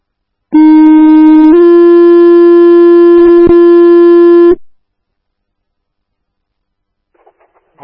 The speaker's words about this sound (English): Station 81, stand by for tones for motorcycle accident. 1015 North Lincoln Street.